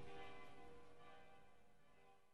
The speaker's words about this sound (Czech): Zvona s katedrale udaraju podne.